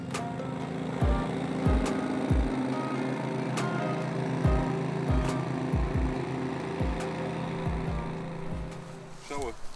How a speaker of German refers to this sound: Der Aufwand, die Welterbestätte zu pflegen, ist enorm. Im Sommer wird die Grünfläche jeden Morgen bewässert, jeden Montag der Rasen gemäht, auf einer Fläche von rund 4 Fußballfeldern.